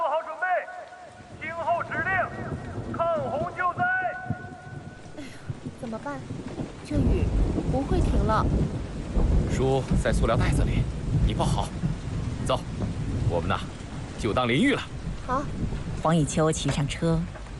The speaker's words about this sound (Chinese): 咔嚓一个响雷，雨点密集的落下。